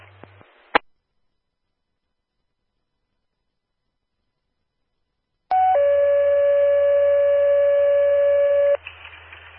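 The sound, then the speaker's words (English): Dispatch radio paging alert tones for a second page to a backup ambulance for a vehicle accident in Dane County: a brief first tone jumps straight into a long, loud, steady second tone lasting about three seconds, over a faint radio hiss, after a short click and silence. “Would you please put a second page up to the backup?”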